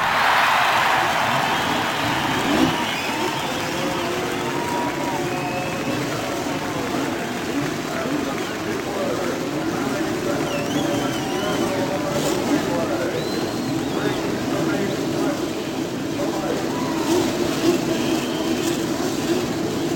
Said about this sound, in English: Around a historic rectangular-shaped racetrack in the center of Indiana. The pace cars are ready. The engines are fired. The crews indicating they are ready to go as they begin now to hurry back to their pit areas.